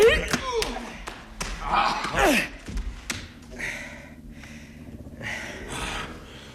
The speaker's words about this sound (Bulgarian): Докторе, защо удари другаря? Аз също знам да удрям.